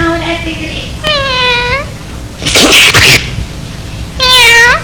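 Two drawn-out, falling cat meows, fairly loud, separated by a sharp, noisy burst like a sneeze, with a faint meow-like tone at the very start.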